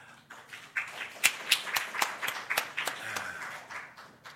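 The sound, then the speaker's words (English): An audience claps together to welcome a guest speaker and his wife in the morning, a steady patter of overlapping hand claps with sharper individual claps standing out, fairly soft, lasting several seconds without any talking. “So let's make them welcome this morning, and I'm just going to have a prayer for you.”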